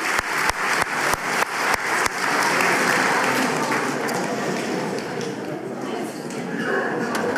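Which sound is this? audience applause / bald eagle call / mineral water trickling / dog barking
audience applause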